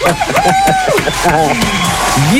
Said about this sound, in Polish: Wielkie brawa